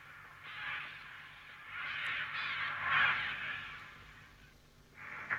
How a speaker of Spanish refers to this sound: Otra vez los cuervos.